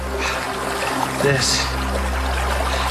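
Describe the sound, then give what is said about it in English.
Snowmelt water from the snowpack trickles and dribbles steadily at the origin point of the Rio Grande, a continuous bubbly gurgle of moderate loudness with a brief, faint voice rising in the middle. “This snow right here is becoming the Rio Grande.”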